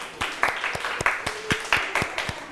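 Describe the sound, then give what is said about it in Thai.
A group of schoolchildren clapping for group 3 in a class activity, scattered applause with sharp, uneven claps and a few louder bursts about every half second, moderately loud with no one talking. “ขอเสียงปรบมือให้กับกลุ่มที่3หน่อยค่ะ”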